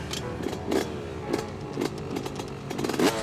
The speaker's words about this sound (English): When you ride it, it's a big difference, the sound and the feel. A two-stroke has that typical buzzing sound.